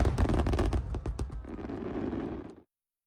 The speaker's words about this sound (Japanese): 連発打ち上げ開始です。 数が数が数えきれないよ。 そうだね、ママも子供の頃頑張って数えてたな。 子供の頃のあの感動をシェアしたい。7月26日は祇園柏崎祭り海の大花火大会、新潟柏崎でお待ちしています。